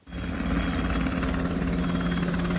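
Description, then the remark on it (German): A helicopter drones steadily overhead above the city of Hamburg during a Bundeswehr military exercise, its rotor thumping in a fast, even pulse beneath a broad engine roar, loud and sustained throughout with no voices. “Hubschrauber über der Stadt”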